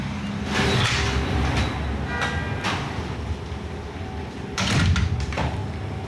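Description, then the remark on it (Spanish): The door of Cookie Bakery at Colón de Larreategui 34, not yet open to the public, opens as someone enters, with a few sharp rattling and sliding bursts and a faint squeak, over steady background noise from outside; no one speaks. “lo primero que tengo que decir es que ha sido cruzar la puerta y qué aroma”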